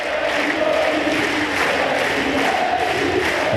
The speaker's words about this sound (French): Et on entend, c'était sur le Suzanne Lenglen, la foule qui crie Moïse.